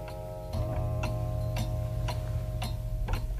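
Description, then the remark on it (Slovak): A just-repaired clock ticks steadily, about two crisp ticks per second, clear over a low, constant hum, with no voices. “Už sú hodiny v poriadku, prosím.”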